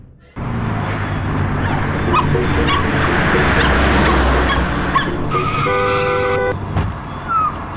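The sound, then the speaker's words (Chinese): Loud traffic noise with a car rushing past, followed by high, strained yelping and whimpering from an injured dog that seems to have been hit by a car, the cries rising sharply near the end before fading. “哎，那只狗狗好像被撞到，怎么办？”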